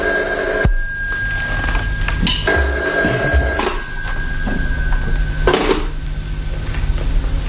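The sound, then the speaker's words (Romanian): A telephone rings with a loud electronic trill, two long rings separated by a pause, over a steady background hum, with no one speaking. “Poate că bărbatul care te cheamă la telefon l-a denunțat.”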